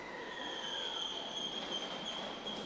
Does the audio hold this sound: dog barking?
no